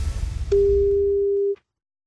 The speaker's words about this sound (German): dann haben Sie jetzt Ihre Chance, weil jetzt klingelt das Telefon und dann sollten Sie singen.